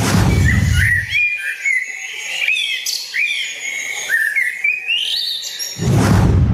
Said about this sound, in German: Und auf Platz 1 gelandet ist die Amsel.